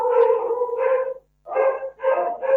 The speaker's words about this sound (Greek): Καλώς τα λοιπόν τα σκυλιάκια τα οποία μιλάγαμε πρώτη φορά. Ναι, είναι 20 ώρα που τα ταΐζουμε.